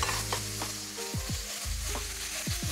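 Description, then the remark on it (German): Steady sizzling of spices, including allspice and a crushed garlic clove, and tomato paste being lightly roasted in a pan, with repeated scraping and stirring strokes over the hiss, no voices. “dass man so Gewürze so leicht mit anröstet”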